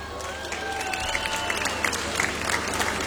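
An audience claps steadily throughout, a dense patter of many hands. A few faint voices and whistle-like tones drift through the clapping, which stays fairly even in loudness.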